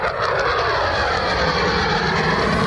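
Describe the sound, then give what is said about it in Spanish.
A loud, steady roar of military aircraft engines during overnight United States air strikes on Iran fills the air continuously, a broad rushing drone with no voices or breaks. “El sonido de la acción llevada a cabo por Estados Unidos esta noche.”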